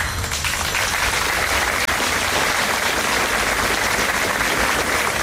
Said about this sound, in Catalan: Aplaudiments després del minut de silenci davant l'Ajuntament de Gandesa per la nena de 9 anys que ha perdut la vida a la Font Calda, a la Terra Alta, arran de la caiguda d'una roca mentre es banyava diumenge a la tarda en aquesta font d'aigua termal